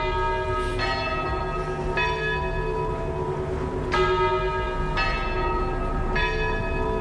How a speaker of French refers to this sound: T'accueille avec le son des cloches. Elle accueille une cloche avec le son des cloches.